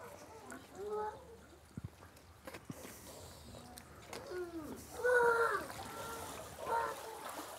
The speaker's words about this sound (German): Man hört das auch, man sieht das auch sehr gut. Da ist so eine Überlaufrinne, also unten kommt ständig frisches Wasser rein.